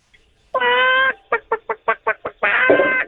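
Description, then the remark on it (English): A person imitates a chicken in a high-pitched voice: a drawn-out squawk, seven quick staccato clucks, then another long squawk, loud with no other sounds. “Okay, and now can I get the same chicken sound effect, but with a higher pitch?”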